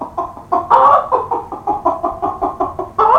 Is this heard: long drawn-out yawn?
no